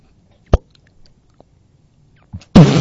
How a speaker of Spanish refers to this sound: ¡Se explotó la botella!